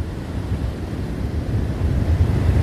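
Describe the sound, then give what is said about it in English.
A continuous low rumble of surf breaking on a warm beach, steady and fairly loud, swelling slightly toward the end, with a broad wash of noise and some wind-like buffeting; no voices. “You're on the beach at the edge of the world, and it's warm here, as well as kind.”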